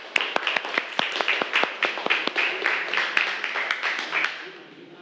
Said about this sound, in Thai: ปรบมือให้เพื่อนหน่อยเร็ว